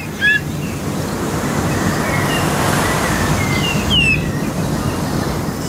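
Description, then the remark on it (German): A bullfinch with a pinkish-brown underside gives a handful of short, thin whistled calls, some rising, sounding unusual, somewhat like a ringed plover or grey plover, scattered over a loud, steady roar of wind and rushing noise that nearly buries them. “Und er klingt auch ganz anders, also die Stimme hat sich auch verändert, offenbar durch den Sturm und den Wind, der da herrscht.”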